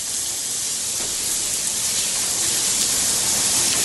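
Steady rain pours down as a dense, unbroken hiss, bright and even in loudness for the whole stretch, with no voices or other sounds breaking through. The rain is falling in the port of Caldera.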